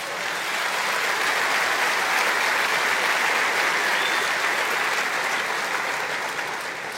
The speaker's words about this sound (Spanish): Dar un aplauso a Jesús.